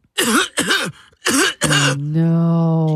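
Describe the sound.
A voice imitates the harsh, throaty coughing of a sick man on an airplane flight: four loud hacking bursts in two pairs, then a drawn-out strained groan that trails off steadily at the end.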